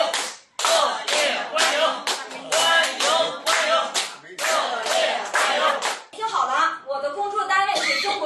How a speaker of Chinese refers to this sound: 我希望咱们叔叔阿姨以咱们老北京最热烈的掌声欢迎一下他，好不好，叔叔阿姨？